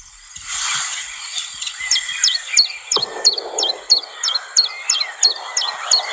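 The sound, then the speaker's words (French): A bird that stays hidden among tree branches and leaves sings a steady, repeated series of short, high, sharply bent notes, about a dozen in quick rhythm, with a soft wash of background noise and no talking. “Mais on l'entend. Son chant, c'est ça.”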